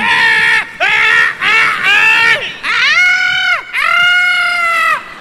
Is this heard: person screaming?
yes